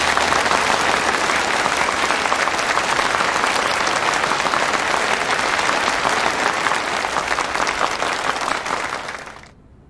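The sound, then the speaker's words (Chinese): Sustained, loud applause from a large crowd at a military exercise review meeting, welcoming the exercise's chief commander, deputy army commander Liang Beihua, to speak: a dense steady patter of many hands clapping for nearly ten seconds before fading out abruptly at the end. “掌声很热烈啊，但是我觉得很刺耳。”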